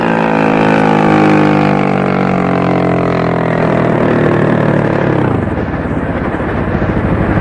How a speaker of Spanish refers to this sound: Las lanchas se detienen cerca de ellos, iluminándolos con los reflectores.